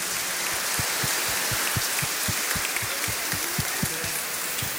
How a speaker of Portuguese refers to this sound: Uma salva de palmas bem bonito para o grupo das crianças aí apoiando elas.